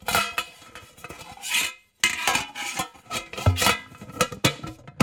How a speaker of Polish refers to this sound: Myślę, że atrakcją poza samymi filmami, obrazami będzie obserwacja właśnie samego tego procesu otwierania pudełka, często blaszanego, z taśmą. Teraz otworzymy.